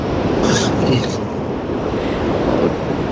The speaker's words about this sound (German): Ja, ich höre, du bist im Auto unterwegs. Ja, ich kann aber gerade anhalten gleich. Gut, ja, ich bin im Auto unterwegs und bin am Weg nach Bad Godesberg.